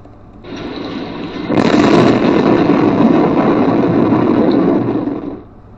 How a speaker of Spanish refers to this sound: Y mire, así son uno de los rayos transmitidos en la cuenta de X Webcams de México. Escuche.